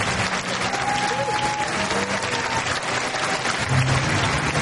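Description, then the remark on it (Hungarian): A large, full-house concert audience at the Zeneakadémia gives a standing ovation as the pianist enters, a dense, continuous wash of clapping filling the hall for several seconds, with faint crowd murmur and a few whistles or cheers mixed in. “Amikor belépett a terembe, a közönség állva tapsolta.”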